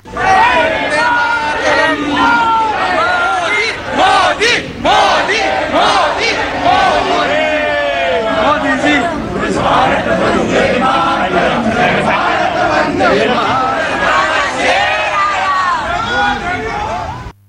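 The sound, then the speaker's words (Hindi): A large crowd shouts and chants "Modi Modi" and "Vande Mataram" slogans together in a dense, continuous roar of overlapping voices. Rising cheers and rhythmic yelling are sustained loudly throughout. “मोदी मोदी और वंदे मातरम के नारों से गूंज उठा।”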